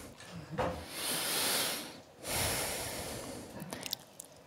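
Two long, breathy swells of air, a slow inhale followed by an exhale, fairly quiet, with faint soft rustles around them and no talking.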